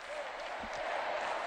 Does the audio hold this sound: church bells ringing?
no